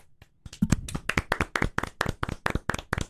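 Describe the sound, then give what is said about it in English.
A light golf clap: one person claps about a dozen quick, crisp times at a steady, even pace, softly and politely, with no voices over it. “A little golf clap.”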